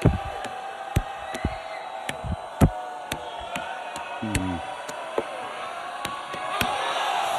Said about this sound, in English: Oh, my gosh. How about the crowd just waiting to erupt?